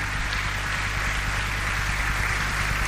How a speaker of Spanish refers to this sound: Denle un aplauso más al Señor.